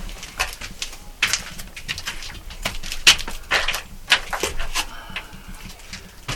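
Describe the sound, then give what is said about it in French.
Pigeons coo and shuffle in an old dovecote, with soft overlapping calls and occasional wing flutters against a steady low background, no talking. “Là, tout est vieux, usé, et c'est un vieux pigeonnier. On a juste fermé la mini-vitre pour pas que les pigeons nous rentrent, parce que ça se gère plus aujourd'hui.”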